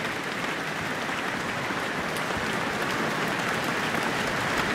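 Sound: concert hall audience applause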